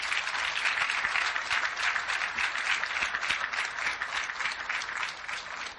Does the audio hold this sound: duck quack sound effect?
no